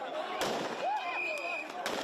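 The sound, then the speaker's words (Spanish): Two sharp gunshot cracks, fired into the air, about a second and a half apart, ring out over a noisy crowd of migrants pushing past police, with shouting voices and steady background clamor. “Y se escuchan disparos al aire.”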